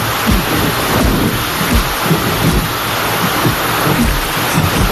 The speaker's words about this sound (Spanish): Qué malo recuerdo me trae esta lluvia.